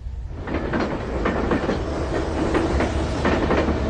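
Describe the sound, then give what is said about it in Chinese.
A passenger train bound for Xinyang in Henan, China, carrying Qian Sanqiang, rolls along the rails with a steady, loud rumble, and the wheels clack over rail joints in a regular rhythm about twice a second. No one speaks. “在原子弹成功爆炸后的第三天，前三强坐上了开往河南信阳的列车，他改名为徐进，去农村参加劳动。”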